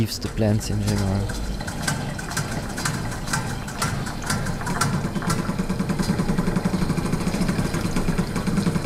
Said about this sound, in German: Um Insekten geht es auch in Drumming for Love der kosovarischen Künstlerin Erze Dinarama. 5 mit Wasser befüllte Metallbecken hat sie in den Raum gestellt. Eigens entwickelte Klangmaschinen bespielen sie wie ein Schlagzeug.